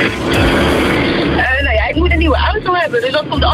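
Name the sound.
car running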